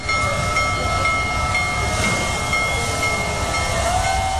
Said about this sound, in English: Hey, the world's largest operating steam locomotive rolled through Colorado this week.